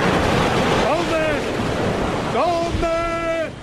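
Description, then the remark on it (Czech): A steady roar of ocean waves and surf fills the scene as the wreckage of the airship Albatros falls into the ocean, with wind noise mixed in, while a couple of shouting voices call out over the water. “Za pár vteřin se vše, co z Albatrosu zbylo, zřítilo do vln oceánu.”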